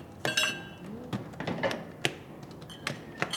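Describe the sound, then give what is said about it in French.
Dishes and cutlery clink and clatter in a sink, a series of sharp, bright knocks at an irregular pace, with a soft background hiss and no one talking. The sink is in a community garage where people also wash their hands after working on cars. “Pour l'instant, on fait la vaisselle et on se lave les mains quand on a trafiqué les voitures dans le même endroit.”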